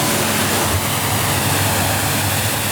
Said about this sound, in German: Sagt der Werftsbesitzer zu Wallenstadt und spritzt gerade das nächste Motorboot ab.